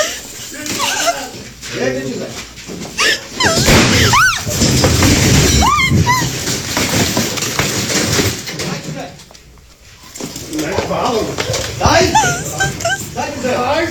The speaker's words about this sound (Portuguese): A gente escuta o disparo nessa hora, e aí depois da divulgação dessas imagens, a gente tem acesso às seguintes informações.